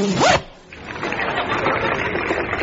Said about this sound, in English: Yes, he's removing this rather sober pair of wool-worsted black slacks, and he's changing into a pair of check trousers. And up goes the zip.